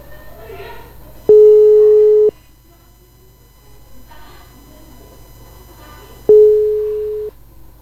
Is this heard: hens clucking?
no